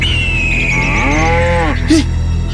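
A single long cow moo, starting high and sliding down into a deep, drawn-out low groan over a steady background hum, ending with a brief soft grunt.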